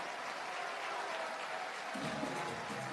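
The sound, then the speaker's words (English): A baseball stadium crowd applauds steadily after a groundout, dense overlapping claps filling the space, with a low rumble of cheering swelling in near the end. “And those claps for the outs, they're only going to get louder.”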